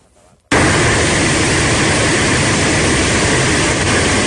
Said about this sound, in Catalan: El so de l'aigua baixant amb una força enorme pel barranc del Palós de matinada.